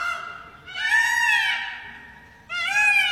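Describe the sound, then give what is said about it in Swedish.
A male peacock screams twice, loud, shrill and nasal, each call a drawn-out wailing cry with a rising then falling pitch; the second call is cut short, with no one speaking. The peacock is on a dusty village street in rural Rajasthan, India. “Mitt på den dammiga bygatan så skrider en ståtlig påfågel hanne självsäkert fram.”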